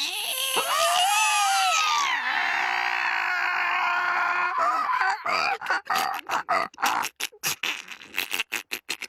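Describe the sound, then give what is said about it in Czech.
A voice imitates a black pen squeaking on black paper: a long wavering, whiny squeal followed by a fast series of short, sharp squeaks and grunts, loud, with no other talk. “A když jedou po papíře, tak vržou. Ne, nevržou, skřípou. Ne, skřípou, kňouraj.”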